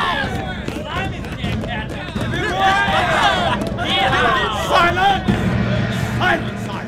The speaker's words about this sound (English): Cheer him on! And stand your feet! Look at him go! Lift! Faster!